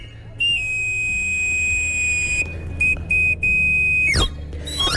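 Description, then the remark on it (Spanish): A knife sharpener's panpipe whistle call, as once heard in the streets of the Madrid de los Austrias district of Madrid, Spain: a shrill, steady high note held for seconds, broken by short gaps, then a quick swoop down the scale, over a low background murmur. “Por el Madrid de los Austrias se escuchaba hasta hace poco este reclamo.”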